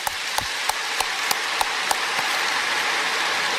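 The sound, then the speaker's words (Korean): An audience applauds to give thanks to God, in a steady, dense wash of clapping, with a few sharper individual claps standing out early on. It sustains at an even level throughout, with no voices. “일단 하나님께 좀 감사의 박수를 올립시다.”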